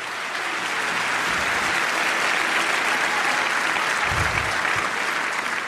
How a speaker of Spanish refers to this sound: Dale un aplauso si puede, pero con fuerza.